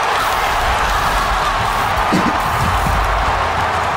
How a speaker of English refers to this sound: Might be the loudest crowd we've heard in a long, long time.